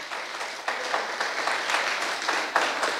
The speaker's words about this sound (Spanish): Denle un aplauso a Dios Todopoderoso.